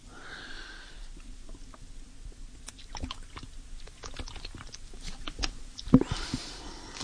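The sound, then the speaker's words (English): Someone drinks cold water quietly, with a series of small wet gulps and mouth clicks, ending in a louder swallow and a breath. No one speaks. “Nothing like cold water on a parched throat.”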